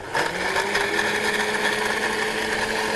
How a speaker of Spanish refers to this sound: Bueno, estamos triturando el coco y también teníamos la alternativa del coco rallado que se puede también.